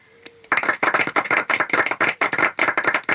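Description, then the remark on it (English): After a brief quiet moment, an audience breaks into applause at the end of a recited poem: many hands clapping in a dense, crackling patter that stays steady and fairly loud until the end, with no voices. “If anybody wants to clap, now's the time to do it.”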